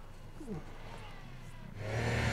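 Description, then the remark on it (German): A heavy truck engine labors at low pitch, then revs up harder and louder toward the end as the driver shunts forward and backward to free tires stuck fast. “Gegen festgefahrene Reifen hilft nur viel Vor- und Rückwärtsrangieren.”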